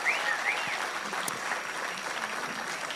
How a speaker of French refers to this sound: Un grand merci à la chorale …. C'est un vrai défi de venir au centre culturel Chibaou sur une heure aussi tardive. Donc je voudrais à nouveau qu'on leur fasse un tonnerre d'applaudissements.